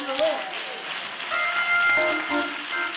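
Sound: audience hand clapping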